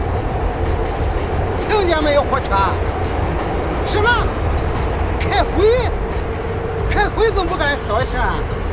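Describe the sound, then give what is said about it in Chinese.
A voice imitates a passing train at a railway station, with wavering whistle-like hoots repeated several times over a steady low rumble, fairly loud. “喂，俺已经到火车站了，你不信你听听火车听听。”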